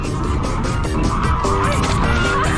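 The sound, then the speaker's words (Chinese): A flock of geese honks and squawks continuously and loudly among grass as a young goose and an old goose are caught, their harsh calls overlapping in a dense, noisy jumble with no clear pauses. “你看头上这个包就能看出来了哈，这个是老鹅， 这个没一年以上长不出来的。”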